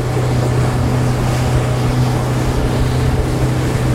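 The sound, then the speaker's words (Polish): A 60-horsepower motorboat engine drones loudly and steadily at speed as the boat sets off on the Madeira River, its low hum constant throughout, with rushing water and wind noise around it. No one speaks. “Sześćdziesięciokonny silnik pozwala tutaj osiągnąć duże prędkości i ruszamy.”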